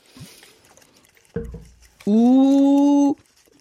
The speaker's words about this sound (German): Gurgelst du uns noch eins vor?